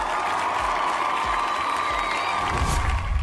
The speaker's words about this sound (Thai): ขอเสียงปรบมือสักครั้งนึงครับผม